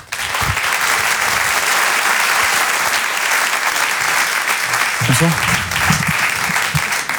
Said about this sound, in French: Je vous demande un tonnerre d'applaudissements également, s'il vous plaît, pour Haroun.